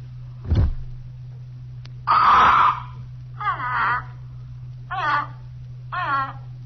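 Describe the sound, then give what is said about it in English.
A parrot squawks in its cage after the cloth covering the cage is pulled off: a soft thump, then one loud, harsh screech followed by three shorter, warbling squawks spaced about a second apart, over a steady low hum. “He protested a while at being so rudely disturbed by some unseen agency, climbed about the cage with claws and beak, pecked at crumbs, appeared entirely normal.”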